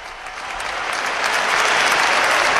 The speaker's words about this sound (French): Un tonnerre d'applaudissements à la suite de cette bénédiction du pape pour l'engagement indéfectible et vraiment plénier de tous ces volontaires qui sont venus de toutes les parties d'Espagne, comme l'a tout à l'heure mentionné le Saint-Père.